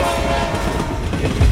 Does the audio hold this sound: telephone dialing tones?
no